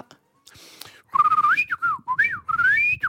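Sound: whistling imitating a bird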